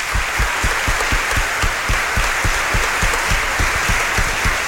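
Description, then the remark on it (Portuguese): A crowd at a religious celebration claps steadily for a school, a dense wash of applause with a regular rhythmic beat running through it, sustained and fairly loud throughout. “Uma salva de palmas para a escola, né?”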